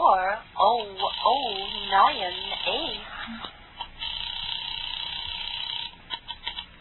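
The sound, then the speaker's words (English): A voice speaks over a thin, hissy telephone line, then a faint, steady ringback tone hums on the line for a few seconds amid static and small clicks as the call rings through to Murray Hill. “Ringing Murray Hill”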